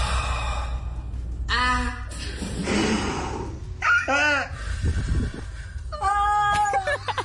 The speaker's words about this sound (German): Na klar, auf Instagram, da habe ich heute ein Reel gesehen, wo Leute immer so ganz krass ausgeatmet haben, um dann möglichst laut zu schreien. Das klingt ungefähr so.